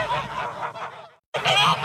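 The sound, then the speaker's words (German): Geese of the Wermsdorfer Gänsemarkt in Wermsdorf honking loudly, a dense run of harsh calls that cuts out briefly to silence, then resumes with another burst of overlapping honks. “Eskilzen, Neues aus dem Wermsdorfer Gänsemarkt.”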